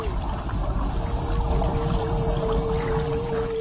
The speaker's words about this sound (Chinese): 随后，领头的座头鲸制造出一道气泡帘幕，将鱼群紧紧包围，迫使鱼群向水面游去。